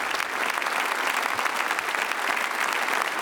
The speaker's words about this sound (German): Und jetzt steht er, nachdem er vom Podium heruntergegangen ist, vor dem Publikum, vor den Gästen, nimmt den großen Applaus entgegen mit viel sehr sympathischen Dankesgesten.